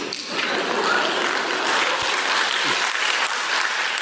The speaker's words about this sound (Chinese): 谢谢大家雷鸣般的掌声。您不用配合我，有没有人鼓掌我都说这句。